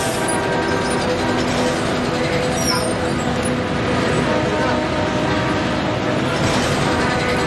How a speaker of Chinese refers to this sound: 注意这辆公共汽车， 送货的人应该在车上。